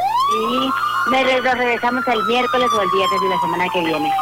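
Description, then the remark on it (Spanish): A loud ambulance siren wails steadily, its pitch sliding slowly downward as it passes along a street, while people talk over it for most of the time. “¿Y esa ambulancia que va y qué?”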